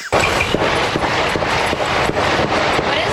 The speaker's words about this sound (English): Dozens of gunshots going on behind her. Sounds like fire.